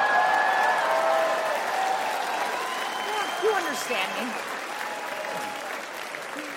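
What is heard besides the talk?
audience applause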